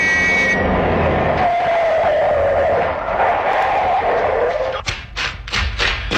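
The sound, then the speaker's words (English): A car engine whines at speed over steady road rumble at night, its pitch sliding as it approaches, then it pulls over at a constable's order, coming to an abrupt stop with a sharp thud and a few quick knocking sounds. “I know that car. Never saw him drive like that before.”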